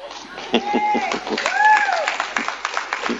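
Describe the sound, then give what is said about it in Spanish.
An audience, almost all of them women, applauds with a steady patter of claps lasting a few seconds, while raised, high-pitched voices call out over it, sustaining long rising and falling tones. “Son todas mujeres casi las que están aplaudiendo acá, ¿no?”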